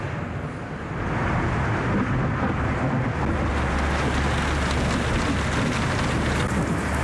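Heavy rain pours down in a dense, steady roar that fills the whole clip, loud, with a low rumble underneath and no voices, falling on a construction site and forcing the workers to stop work.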